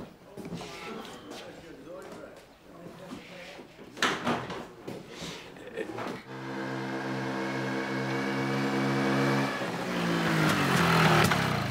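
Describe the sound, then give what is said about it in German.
After a few seconds of clattering, knocking noise, a small moped engine starts droning, its buzzing pitch climbing steadily as it revs louder toward the end. “Läuft wie Sau, die Mofa.”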